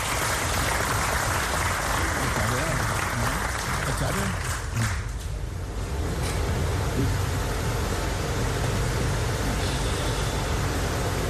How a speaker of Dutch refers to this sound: Mag ik daarom wederom een fantastisch applaus voor de heer Michael Ashwi Adin.